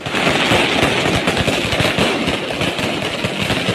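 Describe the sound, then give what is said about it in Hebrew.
Fireworks set off by Mexico national team fans go off right outside a hotel window before a World Cup round-of-32 match, crackling and popping in a dense, rapid barrage of sharp bursts, loud and continuous throughout, with a steady roar underneath and no voices. “האם היית מצליח לישון שנת לילה מספקת לפני משחק גדול כשזיקוקי דינור מתפוצצים ממש מטר מחוץ לחלון שלך?”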